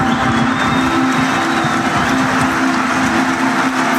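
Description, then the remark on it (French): A huge crowd at Geoffroy Guichard stadium roars and applauds in a dense, unbroken wall of clapping and cheering, giving an ovation as former players walk onto the pitch. The sound is loud and steady throughout, with a low sustained drone running underneath. “Sous les applaudissements du chaudron, avec notamment Osvaldo Pianza qui a une écharpe verte et qui la soulève avec ses deux bras pour remercier et saluer le public.”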